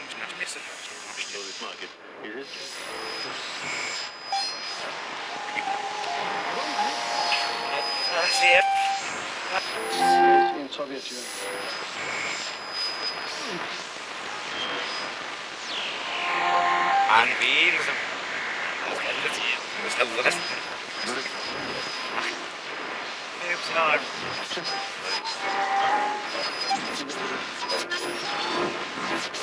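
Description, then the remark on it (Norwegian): Dense, layered radio static rolls in slow waves, hissing and crackling across a broad band with faint tonal whines and warbles drifting through, steady and fairly loud throughout. “som starter med bare radiostøy. Liksom lag på lag på lag med radiostøy som går i sånn bølger og liksom er utrolig flott i seg selv.”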